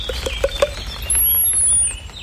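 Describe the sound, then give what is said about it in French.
A long-tailed tit calling: a quick run of four soft clicking notes, then a thin, very high-pitched sustained call. Faint and outdoors, with no voices. “Fauvette grisette. Mésange longue queue.”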